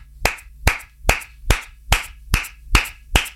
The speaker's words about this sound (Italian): Scusate ragazzi, mi faccio un applauso.